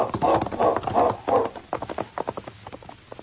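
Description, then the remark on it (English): Horses' hooves clip-clopping at a steady walking pace as Bill and Joe ride along the waterfront in Selkirk, fairly loud, with a regular rhythmic beat of sharp hoof strikes continuing throughout. “Arriving in Selkirk again, Bill and Joe rode along the waterfront until they came to a cheap hotel. They left their horses in the stable back of the building”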